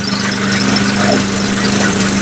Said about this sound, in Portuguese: Ô louco, meu. Disparou o motor lá, ó.